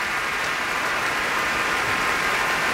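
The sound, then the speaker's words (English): A large concert audience applauds steadily after the finale of Dvořák's Cello Concerto, played by cellist Misha Majski with the Berlin Philharmonic led by Zubin Mehta. The dense clapping merges into a continuous, hissing roar that holds at an even, fairly loud level throughout without any voices. “And the crowd roars.”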